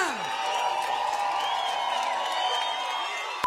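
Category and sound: crowd, applause and cheering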